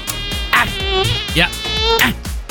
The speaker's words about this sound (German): Na, da war so eine. Eine Mücke.